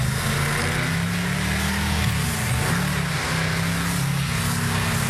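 A deep, throaty car engine rumbles loudly and steadily, its pitch rising and dipping as it revs while driving, with no voices over it.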